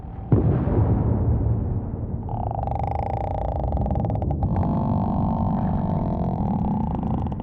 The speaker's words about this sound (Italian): Usano le esplosioni per determinare cosa ci sia sotto il fondo del mare.